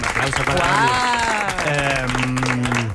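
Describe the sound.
A studio audience at a Cadena SER show applauds a volunteer with dense, steady clapping that fills the full three seconds, while voices talk or call out over the top of it.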